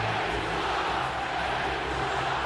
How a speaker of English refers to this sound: Just listen to the crowd reacting. What do you get, hooking? 2 minutes for hooking to Markov.